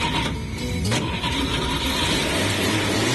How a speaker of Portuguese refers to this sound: Então, sejam bem-vindos a esse início de viagem e agora vamos ligar o motor da nossa máquina.